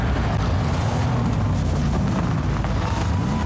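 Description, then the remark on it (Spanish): A powerful car engine roars steadily, a deep continuous rumble with a droning low hum, as if the vehicle is driving hard along a road, in an advert for YPF Infinia TurboClean fuel. No one speaks. “es porque pones toda la potencia para cruzar todos los caminos que necesitas.”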